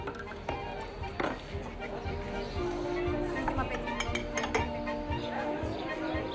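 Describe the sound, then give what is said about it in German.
Beer glasses clink together in a toast several times at a busy village inn, with bright clattering strikes over a steady murmur of voices and tableware noise. “Ein Prost auf die Feldwieser und ihre famose Dorfwirtschaft.”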